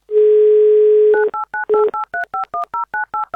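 A steady phone dial tone hums for about a second, then a quick, even run of about a dozen beeping touch-tone keypresses as a woman's phone number is dialed, clear with no voices.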